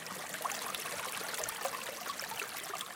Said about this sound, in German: Der Ursprungsbach, der den Wasserfall der Kraggerschlucht speist, fließt durch das Areal, auf dem zurzeit 28 Rinder wiederkäuen.